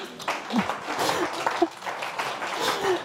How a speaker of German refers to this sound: nochmal einen Applaus für deinen Frosch.